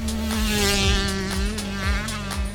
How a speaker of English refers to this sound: When you ride it, it's a big difference, the sound and the feel. A two-stroke has that typical buzzing sound.